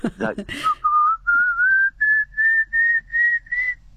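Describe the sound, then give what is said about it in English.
A person whistles an imitation of a pallid cuckoo call: a loud series of about eight short, clear notes, each stepping slightly higher in pitch, following a brief vocal sound at the start. “And it's got an upward ascending, very loud call. Sounds like sort of someone whistling a dog. I'll try and do it if you like.”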